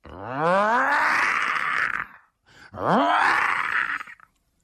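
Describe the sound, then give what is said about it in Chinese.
A storyteller's voice imitates a tiger's roar twice: two loud, drawn-out growling calls that rise in pitch and rasp, each lasting about two seconds with a brief pause between them. “哎呦，有女子喊救命的声音，还有老虎叫唤的声音。”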